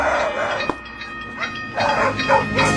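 Dogs bark in a few short, loud bursts, mostly bunched toward the end, over a steady rumbling background like a passing train, as heard on a music album. No one speaks.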